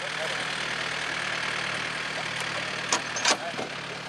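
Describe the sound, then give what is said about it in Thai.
A tractor engine, hired to winch logs up, runs steadily at a constant idle, a low droning rumble that fills the whole stretch, with a few brief clanks near the end. “ซื้อแล้วพอซื้อแล้วเขาก็ไปจ้างรถไถวินขึ้นมาครับวินแล้วก็แก้ขึ้นมาครับ”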